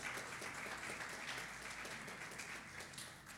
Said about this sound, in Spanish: Adore al Señor con un fuerte aplauso si usted cree que el Señor es su dueño.